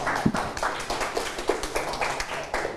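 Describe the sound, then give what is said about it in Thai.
A group of students in a physics classroom clapping their hands together after a correct answer on adding force vectors tail-to-head, a dense burst of many overlapping claps keeping a steady, lively level throughout without any voices on top. “แบบหางต่อหัวถูกต้องนะครับปรบมือนะครับ”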